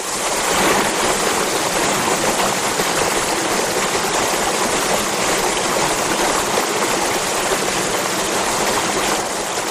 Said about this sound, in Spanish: aquí están los primeros metros del río Escabas. Un río precioso, que tiene ya un color turquesa desde este punto, que tiene gradas y pequeños saltos de agua que desde luego hipnotizan.